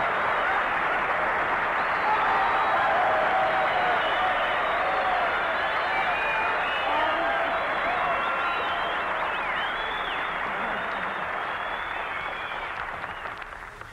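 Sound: studio audience applause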